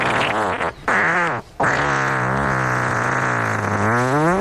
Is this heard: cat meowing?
no